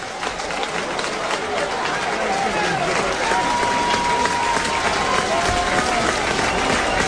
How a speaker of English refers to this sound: Now the crowd's alive. Trying to help McKee.